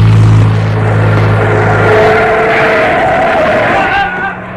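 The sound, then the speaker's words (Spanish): A car with its headlights off speeds toward a man crossing an avenue, its engine roaring and climbing in pitch as it speeds up, with a high tire squeal rising over it as it runs him over, then the noise drops away as it drives off at full speed. “Vieron que un auto con los faros apagados se aproxima vertiginosamente hacia el capitán.”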